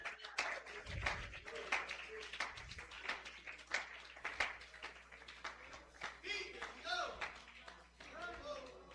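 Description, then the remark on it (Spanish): A crowd claps steadily for several seconds, a dense patter of hand claps, with voices calling out and cheering over the applause toward the end. The applause is given to Christ at a preacher's call. “El aplauso sea más fuerte, que Él se lo merece.”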